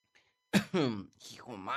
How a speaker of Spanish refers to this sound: Hijo mano, ya me anda pegando la tosecilla de perro.